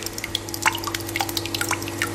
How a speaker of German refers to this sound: Joghurt hast du selbst gemacht, ne, aus der eigenen Milch, genau. Also nicht aus dem Supermarkt gekauft, hat die ja gerade abgemessen und reingeschüttet, hör mal, was passiert ist.